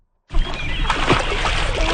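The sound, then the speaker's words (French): Steady splashing of water begins abruptly and continues, with churning and sloshing, as people take swimming lessons in the Winnipeg River at the beach of Saint-Georges, plus faint background murmur. “Des cours de natation sont donnés gratuitement directement dans la rivière Winnipeg.”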